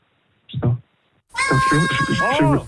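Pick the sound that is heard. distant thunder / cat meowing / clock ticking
cat meowing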